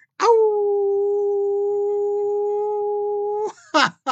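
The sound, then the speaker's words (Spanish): A person's single long howl, sent as a greeting to listeners in many countries, held at a steady, unwavering pitch for about three seconds, loud, then cut off and followed by two short, sharp bursts of sound. “Eso quiere decir que le envío un gran aullido a todos los países, tanto de América como del otro lado del charco.”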